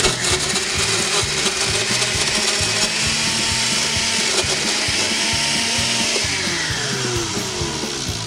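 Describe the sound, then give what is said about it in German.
A loud motorized whirring runs steadily throughout, harsh with a gritty, rhythmic churn and a pitch that shifts slightly, like a kitchen blender chopping its contents. No voices are heard. “Willkommen zur Sendung mit dem Mixgerät.”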